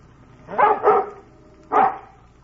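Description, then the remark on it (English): A dog barks excitedly: two quick loud barks in a row, a short pause, then another bark and the start of a fourth. No one speaks. “Well, what's the matter with you, Bullet? He's upset about something.”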